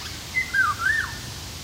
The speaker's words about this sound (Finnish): Kuhankeittäjä viikon luontoäänenä